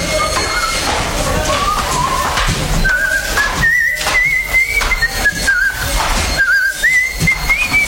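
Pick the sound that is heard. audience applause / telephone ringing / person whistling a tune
person whistling a tune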